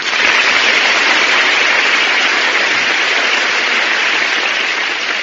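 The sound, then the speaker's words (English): The studio audience of The Big Show applauds loudly as Phil Silvers is introduced, a dense, steady wash of many hands clapping that holds at full strength for several seconds with no voices over it. “My goodness, that's the biggest round of applause I ever got.”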